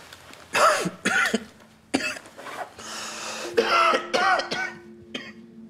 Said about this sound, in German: Oh, kann sau wehtun. Seit wann haben Sie denn Blut im Husten?